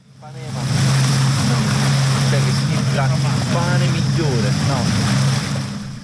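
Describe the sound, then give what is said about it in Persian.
Steady seaside wash of surf with a constant low motorboat drone running throughout, loud, while indistinct voices of tourists chatter in the background, on the shore of Atokos, a small Greek island in the Ionian Sea, in summer. “در ساحل جزیره کوچک در دریای ایونی یونان، گردشگران مثل بسیاری از بازدید کنندگان این کشور محبوب مدیترانه‌ای در فصل تابستان در آبهای نیلگون مشغول تفریح و آبتنی هستند.”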